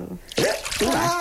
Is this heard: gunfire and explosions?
no